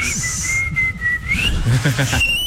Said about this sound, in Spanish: Es el de los labios. No, nunca. Ay. Este es mi silbido más fuerte.